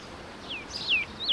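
Outdoor park ambience: a few high, bright bird chirps, each a quick downward-sliding whistle, repeating over a soft, steady background hush.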